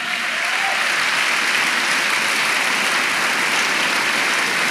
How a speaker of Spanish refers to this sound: Vamos, dele un aplauso al Señor.